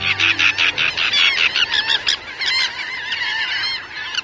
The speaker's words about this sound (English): The shallow waters and wide mud flats before us this day are alive with thousands of gulls, terns, and shorebirds. We're at the Bolivar Flats Shorebird Sanctuary on the tip of the Bolivar Peninsula opposite Galveston, Texas.